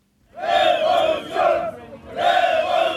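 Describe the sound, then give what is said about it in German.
A large crowd of protesters chants in loud unison at a demonstration in Tirana, Albania, where tens of thousands gathered on Saturday at the central Skanderbeg Square. Two sustained rhythmic shouts are separated by a brief dip, with many voices blending into a dense roar. “Am Wochenende wurde wieder in Tirana demonstriert, Hunderttausende wurden erwartet und unser ARD-Korrespondent Oliver Schosch war dabei.”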